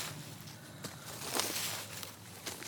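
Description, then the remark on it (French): Leaves being raked: a soft, continuous scratchy rustle broken by a few sharper swishing strokes at irregular intervals, with no voices. “Des feuilles ratissées.”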